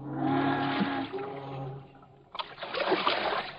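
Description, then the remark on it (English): Water sloshes and splashes as a canoe paddle dips and pulls through a river, fairly loud strokes following a sustained tonal hum in the first seconds; two men paddle their canoe upstream. “The next morning, Best and Hallop push their canoe into the river and start paddling upstream toward home.”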